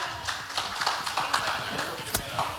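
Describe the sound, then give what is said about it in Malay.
A crowd applauding for three delegations, with many overlapping hand claps forming a steady, fairly loud patter that holds evenly from start to finish, no voices rising above it. “Kita berikan tepuk tangan untuk ketiga delegasi kita.”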